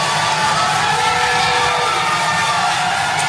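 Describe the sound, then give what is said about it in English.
A loud, sustained roar of a crowd of McKinney residents cheering at a city council meeting, with many voices blending into a dense wall of noise that carries on steadily throughout. “Yeah, listen to that crowd.”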